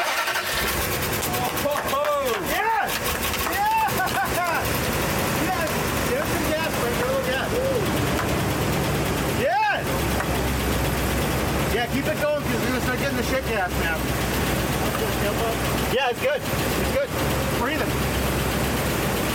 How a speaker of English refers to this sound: I did get a little dirty because it blew all over me because, like, the engine's in the cab, which makes no sense to me. But yeah, well, that's why it's got a doghouse.